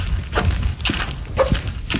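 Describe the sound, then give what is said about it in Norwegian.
Steady footsteps along the long corridors at NRK, about two per second, with a short squeaky creak from one shoe on alternating steps. Low background rumble underneath, no talking. “Husk det halvt, for det bare ene skoen som knirker.”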